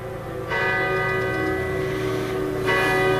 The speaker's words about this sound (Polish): Dzwon uderzył 12 razy. Powstał specjalnie dla Wielunia i ma przypominać o ofiarach bombardowania, ale przede wszystkim być przestrogą przed kolejną wojną.